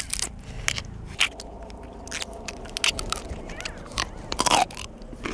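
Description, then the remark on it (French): Crisp bites and crunchy chewing of a raw, plain violet artichoke from Provence with its outer leaves removed, with irregular sharp crackles and a few louder crunches near the end, and no talking. “C'est croquant, c'est sucré, il y a une légère amertume. Et on arrive même à manger la feuille jusqu'au bout.”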